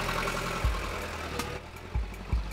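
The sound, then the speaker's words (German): A bus engine idles with a steady, low rumbling drone, punctuated by a few dull thumps. No one is talking. “Sie sind der reguläre Bus oder was sind Sie?”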